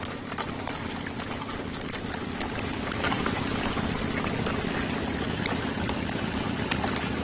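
motorcycle engine rumbling

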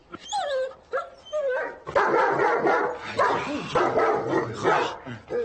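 dog barking

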